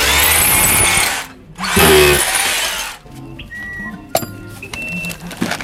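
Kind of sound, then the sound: tool, screwdriver turning a screw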